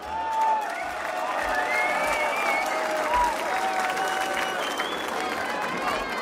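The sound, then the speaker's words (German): A crowd applauds steadily for several seconds after a march is played, a dense, even wash of clapping hands with scattered whistles and faint voices mixed in, holding at a constant loudness throughout. “ein Applaus für dich.”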